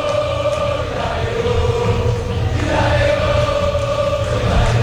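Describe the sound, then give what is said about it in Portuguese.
A huge stadium crowd of Boca fans chants and sings together at La Bombonera during a match against Vasco, in a steady, loud roar, voices blending into sustained tones for the whole stretch with no break. “Ouça a torcida na Bomboneira.”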